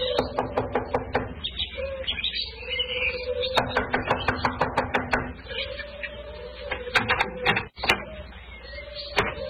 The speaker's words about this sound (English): Here we are. I'll knock on the door.